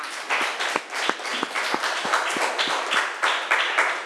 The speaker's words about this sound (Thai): คุณครูขอเสียงปรบมือให้ตัวเองอีกครั้งหนึ่งค่ะ